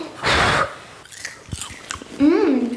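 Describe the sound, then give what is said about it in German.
A loud, crunchy burst of chewing on hot homemade popcorn made from blue-purple corn, then a few softer crackling bites and clicks, ending with a short voiced sound from the person eating. “Wir haben einen ganzen Topf voll mit selbstgemachtem Popcorn. Probieren wir?”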